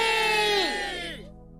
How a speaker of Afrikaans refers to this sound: Toe skree almal, hoera vir Mimi!